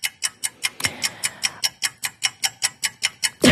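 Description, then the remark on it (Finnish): A timer clock, just set for a timed quiz round, ticks steadily and briskly, each sharp click evenly spaced about four times a second, clear with no talking over it. “Nyt mä laitan kellon ja nyt mä lähden.”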